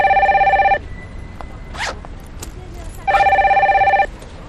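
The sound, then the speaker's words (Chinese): A telephone rings in two loud electronic bursts of rapid, warbling trills, separated by a pause filled with faint rustling and brief swishing sounds. “好，放下去，我的电话。”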